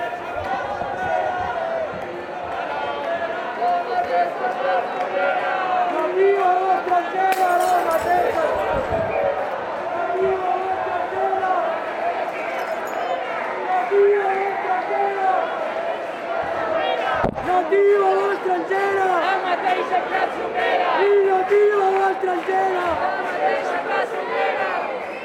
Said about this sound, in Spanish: Vamos a escuchar el sonido que está llegando en estos momentos de esa manifestación y de esa contramanifestación separada por ese cordón policial.